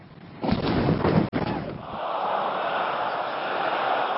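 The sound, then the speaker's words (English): Explosions of US airstrikes nearby, near the port city of Bandar Abbas: a loud, rough blast of noise lasting over a second, cut by a brief dropout, then settling into a steady, hissing rumble that carries on to the end. “He starts by talking about power cuts, but the subject soon changes as US airstrikes explode nearby.”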